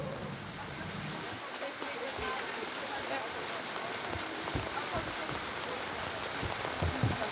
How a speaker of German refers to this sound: Warum regnet es jetzt? Das finde ich total schade.